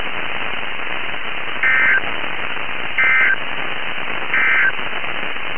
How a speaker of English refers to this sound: Again, this has been a test of the NOAA Weather Radio Warning Alarm and DAS signal.